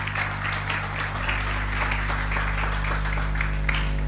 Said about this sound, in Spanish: ¿Por qué no le das tu mejor aplauso al Señor en esta mañana?